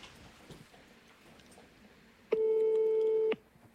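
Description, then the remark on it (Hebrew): A single steady electronic telephone ringing tone of a surprise phone call made live on air on Channel 2000 sounds for about a second, loud and clear against a quiet background, then cuts off abruptly. “מה שהיא צריכה לעשות זה קודם כל לענות לשיחת טלפון, שיחה בהפתעה בשידור חי.”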